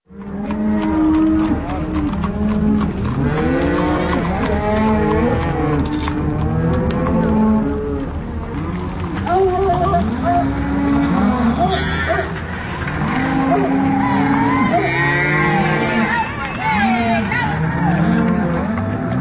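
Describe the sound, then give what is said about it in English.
A herd of cattle on the Neslanek family's spring cattle drive through downtown Carbondale moos repeatedly and overlapping, many loud bellows, over a continuous background rumble of movement and possible vehicle noise. “The sounds of the Neslanek family spring cattle drive on their way through downtown Carbondale.”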